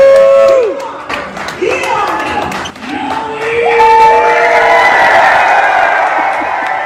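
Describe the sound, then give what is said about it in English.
A ballpark crowd of Timber Rattlers fans in the Fox Cities, Wisconsin, cheers loudly and steadily for several seconds for competitive eater Joey Chestnut, a dense roar of shouts and whoops with sharp rising and falling yells cutting through, swelling toward the end. “Timber Rattlers fans, get on your feet, make some noise for the greatest competitive eater of all time.”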